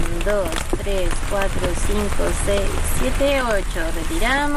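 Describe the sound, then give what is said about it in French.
Steady, heavy rain pours down in a dense, continuous hiss while people talk loudly over the downpour throughout as they take water samples from a river. “Sous une pluie battante, ils effectuent des prélèvements de l'eau de la rivière.”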